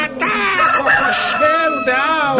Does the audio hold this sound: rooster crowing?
yes